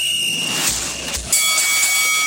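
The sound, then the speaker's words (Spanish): A boxing bell clangs, struck about twice, its bright metallic ringing tones sustaining and slowly fading, with no voices present. “Suena la campana y aquí termina el combate por hoy en el gran Mano a Mano Deportivo.”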